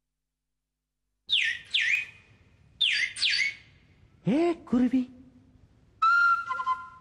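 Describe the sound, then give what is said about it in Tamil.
A song played to close the show Madhura Thendral begins with pairs of bright, descending whistled chirps, then a voice sings a short phrase, followed by a sustained melodic instrumental line, clear. “ஒழித்த பாடலோடு நிறைவு பெறுகிறது மதுர தென்றல்.”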